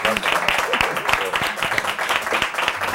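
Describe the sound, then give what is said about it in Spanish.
Audience applause for a musician, a dense, steady patter of many hands clapping at once, fairly loud and sustained for several seconds, with faint voices mixed underneath. “¡Fuerte aplauso para …, hombre!”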